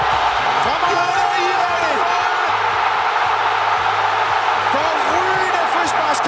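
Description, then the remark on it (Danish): A packed stadium crowd at a World Cup football match roars loudly and continuously as Iran scores a goal from a free-kick combination, with scattered shouts and whoops rising above a dense wall of cheering that stays at full intensity throughout. “I kan nok godt høre, det ender med mål.”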